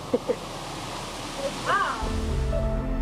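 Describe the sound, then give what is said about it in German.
Steady rushing water from ice-cold underground springs pours continuously into a river with a strong current, a dense hiss with a deeper rumble swelling in the second half, while brief bits of voice cut through over it. “Das Wasser stammt aus eiskalten unterirdischen Quellen und speist hier den Fluss.”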